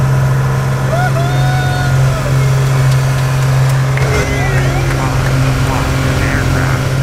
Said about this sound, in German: So hat es heute in einem kleinen Flugzeug in der Luft hoch über Grenzen getönt. Den drei Passagieren, die beim Rundflug dabei waren, hat es gefallen.